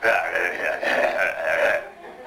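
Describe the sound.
A man's voice produces a low, rasping, drawn-out growl in three sustained swells, loud and guttural, recreating the evil, sinister growl of Simon Weir, Martin Short's character in the film, before trailing off.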